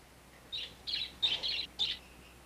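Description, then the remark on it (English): A pet bird, being urged to eat its dinner, chirps in a quick series of about five short, bright bursts, some doubled, against a quiet background with no one talking. “Come on, eat, butchie bird. Eat up your din-din.”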